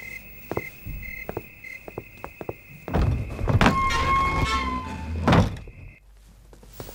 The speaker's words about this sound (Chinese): 哎呀，敲门声就进来了，吓我一跳。